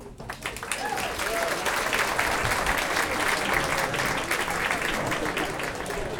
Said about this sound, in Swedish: Ja, de här applåderna har alltså … fått direkt i jazzradion härifrån Jazzklubb Fasching i Stockholm.